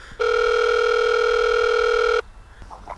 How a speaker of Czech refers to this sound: šel za ním domů a zvonil u vrátek.